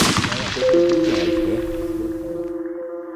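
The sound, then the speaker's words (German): A single loud rifle gunshot, fired to test ammunition, cracks at the very start, then a long echoing tail slowly fades while a steady ringing whine hangs over it. No voices. “Ich wollte mal testen, was die Munition gut ist, damit ich bei Verkaufsverhandlungen dann.”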